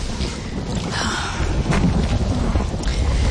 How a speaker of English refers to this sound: Oh, it would rain.